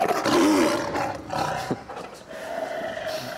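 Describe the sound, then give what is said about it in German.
A tiger roars loudly, a deep, rough bellow that swells at the start and then trails off into a grumbling, growly rumble, with no one talking, as a big-cat trainer checks the tiger's mood. “Er will nur mal sehen, wie die Laune des Tigers ist.”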